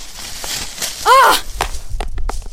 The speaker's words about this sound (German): Oh nein, mein Handy. Fuck, das Display ist gesprungen.